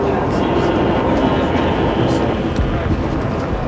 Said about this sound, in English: Again, the wheels move round and round as we head toward the capital from Chicago and the Baltimore and Ohio, this train.